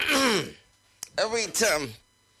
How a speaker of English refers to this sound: That's why I'm just trying to, you know, clear my throat.